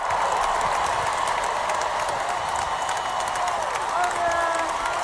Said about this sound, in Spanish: Aquí la gente dirá, vale, esto no es un aplauso normal, no, ni son los Javis.